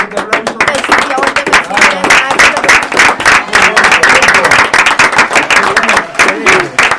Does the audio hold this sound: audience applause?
yes